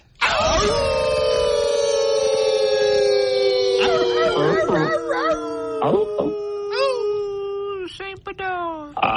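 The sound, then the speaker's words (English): A loud chorus of wolf howls played as an intro sound effect, several long wavering voices overlapping and sliding up and down in pitch, sustained for about nine seconds with no talking. “When it comes to the Mighty Wolf in Virginia, we do that respectfully in 3, 2, 1.”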